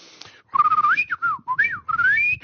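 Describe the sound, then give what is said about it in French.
A person whistles a quick tune imitating a bird, with rising and falling chirpy phrases and gliding pitch slides, clear with brief pauses between bursts. “Je peux siffler comme un oiseau.”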